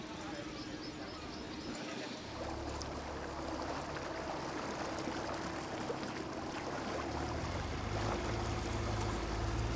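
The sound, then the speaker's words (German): A harbour master's small inflatable motorboat drones steadily on a morning inspection round in a harbour for holiday-makers and sport boats on the Müritz, while water splashes and rushes along the hull, the engine note shifting as the boat gets underway across choppy water. “Und er steigt dafür um. Vom E-Roller in das Hafenmeister-Schlauchboot.”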